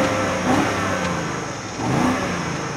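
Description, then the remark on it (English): A BMW car's engine revs hard twice in quick succession, each blip rising sharply in pitch then falling back, loud with a throaty exhaust tone and no voices. “And yes, this thing sounds angry too.”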